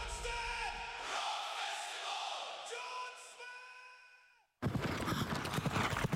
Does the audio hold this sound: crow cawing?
no